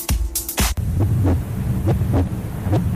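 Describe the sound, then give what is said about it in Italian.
A strong heartbeat thumps over a low hum in a Radio Skylab station jingle: deep, muffled double beats repeating at a steady pace, preceded by a few sharp thuds at the start, with no one speaking. “Senti come batte forte il cuore.”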